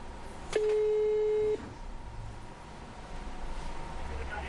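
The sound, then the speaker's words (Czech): A single steady telephone ringing tone sounds for about a second, clear and fairly loud, as a call is placed to a customer, then gives way to faint line hiss with no further rings or voices. “takže my si vytočíme dámy a řekneme si, jak jsou spokojené s produktem a jestli by to doporučili.”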